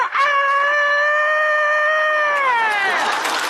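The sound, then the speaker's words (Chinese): A person doing vocal mimicry imitates a rooster's crow in one long, loud, very excited sustained call that holds steady before bending downward and breaking off near the end. “你这公鸡叫的太亢奋了呀！”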